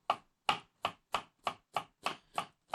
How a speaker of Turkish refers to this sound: Piyazlık doğruyoruz efendim.